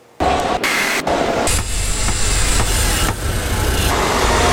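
Loud, continuous roar of street traffic in São Paulo, Brazil, with rumbling car engines, steady throughout, with a few brief shifts in the noise and no voices.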